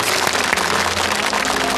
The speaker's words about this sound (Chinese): 好吧，我们再次掌声送给这家幸福的人。